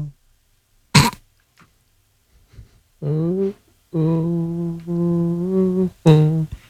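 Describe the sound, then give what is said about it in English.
A man, an employee defecating in the single stall of a public restroom, lets out low, drawn-out moaning groans, a short one followed by a longer steady one, with sharp grunting, throat-clearing bursts and heavy breathing before and after. No words are spoken. “He, meantime, is semi-moaning.”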